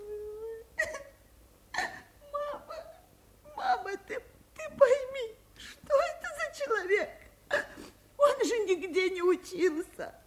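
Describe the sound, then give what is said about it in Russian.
A woman sobs in a series of broken, wavering wails separated by short gasping breaths, building in intensity toward the end, with no other sounds around her. “Сильва плачет. Сильва рыдает.”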